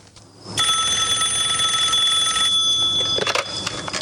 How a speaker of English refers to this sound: Karen's phone rings.